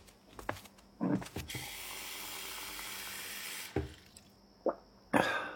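A tap runs steadily for a few seconds as a parent fills a glass of water, with a few clinks and drips before and after. No one speaks.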